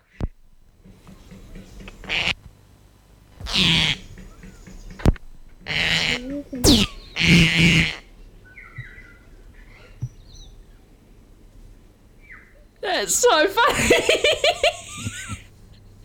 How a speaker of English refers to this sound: Did you just put some fart noises on the computer? Sounded like it, didn't it?